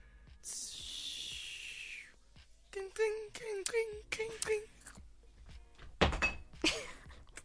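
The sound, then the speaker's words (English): Coffee pours into a mug, then a spoon clinks rhythmically against the sides while stirring, followed by a sharp clattering drop of the spoon, with no talking. “You pour coffee into a mug, stir it, and then you drop the spoon.”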